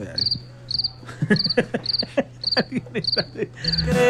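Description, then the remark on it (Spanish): A cricket chirps in short, high trilling bursts repeated at a steady pace, about seven times, over a low background hum with some faint clicking. “¿Sabe qué? Le voy a regalar el grillo ahí.”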